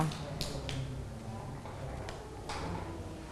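A handful of children clapping, just a few scattered, uneven claps rather than full applause, fairly soft and set against a low background murmur.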